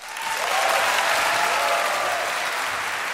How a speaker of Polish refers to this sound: No to należą się brawa.